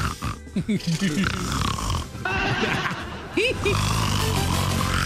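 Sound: voice imitating snoring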